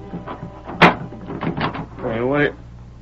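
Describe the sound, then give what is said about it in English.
A door is opened: a sharp latch clack, then a drawn-out, rising creak of hinges about a second later, fairly loud, over a low background hum. “Open the door, please.”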